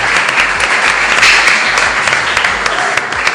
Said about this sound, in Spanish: Un aplauso a estas chicas, ¿no? También, como no, nuestras invitadas.